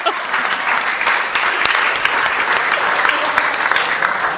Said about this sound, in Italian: Facciamo vergognare con un applauso.